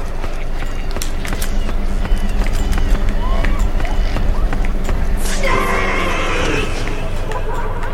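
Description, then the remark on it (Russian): Quick, overlapping footsteps from more than one walker, approaching from two sides and converging, crunch along steadily against a dense, noisy background, with a brief burst of higher-pitched sound partway through. “Непонятно, тут шаги с двух сторон сходятся.”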